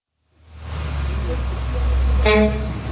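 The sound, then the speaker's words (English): A bus marked Royal Iranian Travel, full of Iranians, rumbles with a heavy, steady engine drone as it pulls up in Istanbul, Turkey, at about 6:30 in the morning, then gives one short, bright honk of its horn near the end before idling on. “a bus full of Iranians pulled up in Istanbul.”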